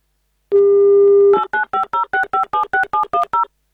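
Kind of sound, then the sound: signal or alarm, telephone number being dialed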